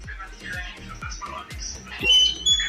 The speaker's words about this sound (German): Im Ofen. Der ist auch Brot, mal mit Licht. Quietscht ein bisschen dein Ofen.